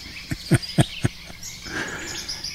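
A woodpecker knocks on wood outdoors, about five sharp, evenly spaced taps, followed by a soft wash of insect and bird chirping in the open air.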